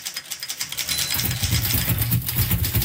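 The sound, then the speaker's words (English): Rapid, uneven clacking of typewriter keys struck one after another, steady, with a low droning tone rising underneath about halfway through. “By pushing the keys, or buttons, of a typewriter, people could write much faster than they could with pen and paper.”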